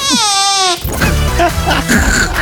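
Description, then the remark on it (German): A woman imitates a baby's fart from a written fart description, with a short, high, squeaky quavering sound from the mouth, lasting under a second, before voices break in talking loudly over each other. “Da steht eine Furzbeschreibung drauf und dann macht sie die. Das sind genau die Dinge, die dich da erlegen, wie Rotwild. Babypups. Ein Babypups, okay.”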